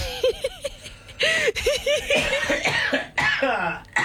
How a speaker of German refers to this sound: Er hustet euch gleich was vor.